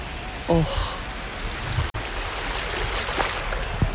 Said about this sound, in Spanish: Me voy a intentar acercar a la orilla para que podáis escuchar el mar desde Madrid.